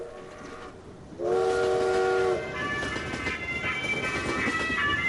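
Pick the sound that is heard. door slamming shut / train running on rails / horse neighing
train running on rails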